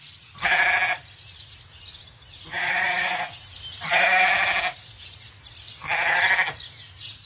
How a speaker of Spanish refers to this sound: Ruth se paró para observar la manada de ovejas del señor Tanner.